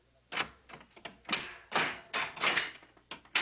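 A page opens the heavy door of a house of treasures: a quick run of clunks, rattles and scraping bursts from the latch and hinges, with no voices present.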